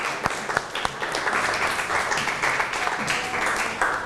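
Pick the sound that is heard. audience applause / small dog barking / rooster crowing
audience applause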